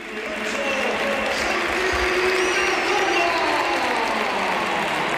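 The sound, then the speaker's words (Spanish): A huge crowd at the Bernabéu stadium applauds and cheers in an ovation for Santi Cazorla, captain of Real Oviedo, as he comes on as a substitute. A dense, sustained roar of clapping swells and holds steady throughout, loud and enveloping, with no clear voices standing out. “Mira, mucha gente se pone de pie y mucho aficionado del Oviedo, pero por favor, que escuchen la ovación que tributa el Bernabéu a Santi Cazorla.”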